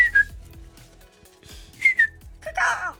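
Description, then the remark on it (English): A person whistles a family's secret signal call: two bright, falling whistled notes separated by a pause, followed by a breathy warble, clear with no talking. “Oh, everyone, every family has a secret whistle.”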